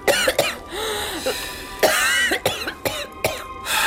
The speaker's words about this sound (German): Husten Sie bitte mal.